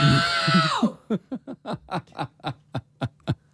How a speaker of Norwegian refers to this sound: …, du ropte 114 decibel.